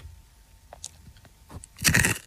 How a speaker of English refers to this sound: Just going to have another dried bit of corn if you don't mind.